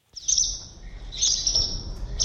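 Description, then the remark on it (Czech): Rapid, high twittering chirps from several swallows nesting under a bridge under construction in Břeclav, continuous and lively with brief swells, over a low rumbling background hum. “Pod mostem jsme během několika minut našli 5 vlaštovčích hnízd.”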